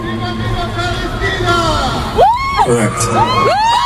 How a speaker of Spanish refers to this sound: ha estado en Ámsterdam tocando y alguien gritó en español, ¡Viva Palestina!